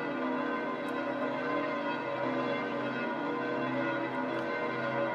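Church bells of St. Peter's Basilica ring in a dense, continuous peal, their overlapping tones and rich overtones sustaining steadily at a fairly loud level with no voices.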